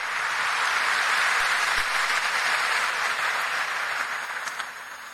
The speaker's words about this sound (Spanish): Y a cada una de las delegaciones presentes, movimientos, familias presentes, feliz estadía aquí en Caacupé. Un fuerte aplauso para todos por esta hermosa presencia.